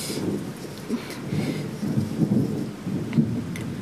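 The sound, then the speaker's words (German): A thunderstorm with low, rolling thunder rumbling continuously beneath steady rain, the rumble swelling in a few heavier surges over a few seconds; no voices. “Ist schon unheimlich, so ein Gewitter.”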